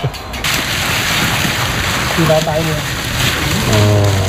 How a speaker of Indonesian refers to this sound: Selanjutnya, setelah terkumpul banyak, keripik paru digoreng kembali bersama-sama dalam satu wajan sehingga matang bersamaan.